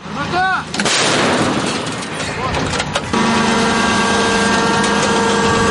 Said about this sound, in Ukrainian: Не встиг розрахунок допрацювати, змушені ховатися, бо начебто є загроза з неба. Почули якусь стрілкотню, зараз чатує мобільно-вогнева група.